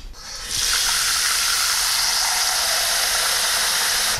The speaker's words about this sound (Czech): Čili já dám teď do hrnce trochu vody.